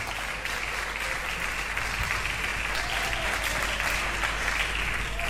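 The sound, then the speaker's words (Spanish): An audience at a church service claps loudly and steadily for the Lord, a dense wash of many hands sustained for several seconds without a break. “Puede tomar asiento y dele un aplauso fuerte al Señor.”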